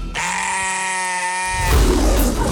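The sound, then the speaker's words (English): A single drawn-out sheep bleat, loud, wavering for over a second before giving way to a burst of rough, breathy background noise. “If there's one secret to happiness in my life, it's taking care of the kindest creatures on earth. Sheep.”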